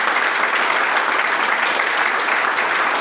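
Sustained applause from a sizable crowd, a dense, steady wash of clapping hands that stays loud and even throughout, with no voices rising above it.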